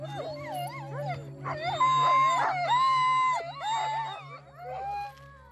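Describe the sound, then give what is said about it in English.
A pack of sled dogs howls together, long wavering cries overlapping with higher whimpering yelps, loud, over a steady low background hum. “So learning about the dogs and taking back that part of the culture has been so important.”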